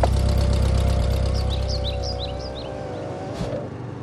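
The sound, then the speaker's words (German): A steady low engine rumble of a car rolling slowly up a cedar-lined driveway to a manor house, fairly loud, with a brief crunch near the end as it parks in front of the entrance. “Sie parkten direkt vor dem Eingang des Gutshauses.”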